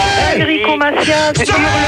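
A man yells loudly and close up, his strained voice rising and falling in pitch over about two seconds in a continuous, forceful outburst.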